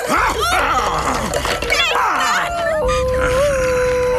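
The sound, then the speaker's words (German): A small dog yaps in quick, sharp bursts, then breaks into a long, wavering howl that holds steady to the end, with excited voices mixed in. “Und nun zu dir, du kläffende Bestie!”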